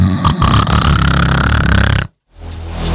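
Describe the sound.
A voice imitates their own loud snoring from dozing in a garden: a long, rasping, throaty snore lasting about two seconds, a brief silence, then the start of another snort. Loud, with no talking.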